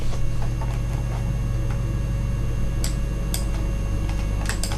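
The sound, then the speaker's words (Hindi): The studio clock of Akashvani's Agra station ticks with sharp, crisp clicks, a few faint ones early and clearer, louder ticks later, over a steady low electrical hum. No one speaks. “श्रोताओ, इस समय स्टूडियो की घड़ी में सुबह के 9:25 हो चुके हैं।”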